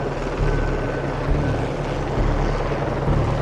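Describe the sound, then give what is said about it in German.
A helicopter drones steadily, its low rotor thump pulsing beneath a broad engine roar that holds constant throughout, with no voices. It is flying with an underslung load, the cargo hanging on a cable beneath it, on a flight down to the valley. “Sogenannte Unterlastflüge, bei denen das Transportgut am Seil unter dem Hubschrauber hängt,”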